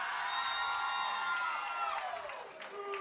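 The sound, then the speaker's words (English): A crowd of women in an audience screams loudly and continuously, their high-pitched shrieks overlapping in a sustained wall of sound that dips briefly near the end before rising again. “Because we stick with you when you scream like that.”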